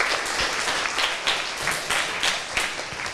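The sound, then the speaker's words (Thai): A group applauds a classmate after a presentation about a planet, many overlapping claps forming a dense, bright wash of sound with small swells in loudness, no voices standing out. “ขอเสียงปรบมือให้กับเพื่อนด้วยครับ”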